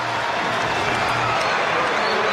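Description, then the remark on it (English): Baseball crowd of Reds fans cheering as the ejected Mendoza heads into the third base dugout, a steady, dense roar of many voices that holds at a fairly loud level without clear peaks or breaks for the whole moment. “And now he will head into the third base dugout to a bit of cheering from the Reds faithful.”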